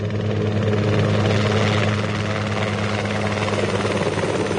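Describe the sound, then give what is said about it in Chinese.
Loud, steady rotor noise of three police helicopters flying over a city fills the whole recording, a deep throbbing drone with a broad roaring wash above it, staying constant overhead with no voices. “三架警用直升机呼啸着从城市上空掠过，很快便消失在白云里。”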